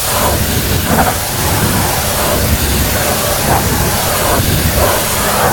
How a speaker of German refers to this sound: Und Andi, du hast recht, es ist ein Hochdruckreiniger